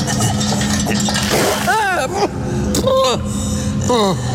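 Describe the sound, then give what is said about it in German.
A whole bucket of water is poured out for a prisoner in a scene set in Salem, Massachusetts, October 1692, a steady, rushing splash, broad and loud throughout, while short wavering vocal cries or gasps break through it a few times. “Gib der Gefangenen Wasser. Jawohl. Nein, nicht so. Den ganzen Eimer.”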